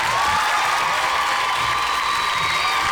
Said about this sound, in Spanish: Un aplauso, un aplauso para la maestra, ¿por qué no? Se lo merece.